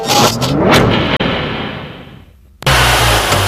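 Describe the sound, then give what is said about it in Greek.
A car engine revs hard and accelerates, its pitch sweeping upward through gear changes before fading briefly, then a loud, steady engine roar cuts back in. “Ακούσε πως πάει, ακούσε υποδύναμη, ροπές! Πάει σφαίρα το εργαλείο, άλλαξες μηχανή.”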